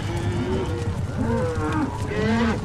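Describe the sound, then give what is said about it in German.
A herd of longhorn cattle moos, several low, drawn-out bellows overlapping and rising and falling in pitch, loud and continuous throughout with no talking. “Und eine ganze Herde Longhorns.”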